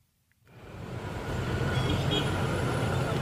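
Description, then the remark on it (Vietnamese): Dense traffic on National Highway 1 (Quốc lộ 1) fades in after a brief silence and settles into a steady, loud rumble with a deep low hum and a broad hiss of engines and tires, no voices. “Giữa dòng phương tiện đông đúc trên quốc lộ 1, một chiếc xe ba bánh tự chế chở đầy sắt hộp dài gần gấp đôi thân xe len lỏi qua các làn đường.”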